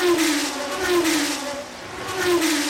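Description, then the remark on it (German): A race car engine roars, revving and accelerating with a steady whine whose pitch dips and climbs again over a few seconds. No voices are heard. “Kleine Frage, schlägt Ihr Herz auch höher bei schnellen Autos?”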